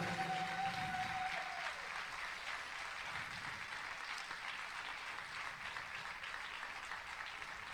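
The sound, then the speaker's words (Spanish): An audience applauds steadily in praise of God during a church service, a dense, even wash of many hands clapping that holds for several seconds, with a brief tone fading out at the start. “Siempre, dale ese aplauso al Señor.”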